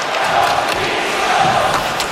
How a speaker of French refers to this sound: Et là, il y a eu des cris d'opposition à Carter Hart, le gardien des Golden Knights de Vegas. Des cris qu'on a entendus à la télé.